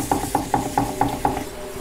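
Wet clay being centered with both hands on a spinning potter's wheel, with water added now and then, a steady run of six soft, squelchy pulses about four times a second over a low hum, with no voices.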